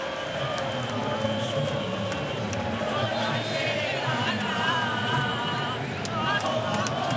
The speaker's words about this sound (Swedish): Argentinska supporter, ni hör, sjunga och jubla. I bakgrunden i Kansas, himlen är alldeles nattsvart.